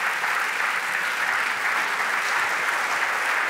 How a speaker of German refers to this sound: Und natürlich ein großer Applaus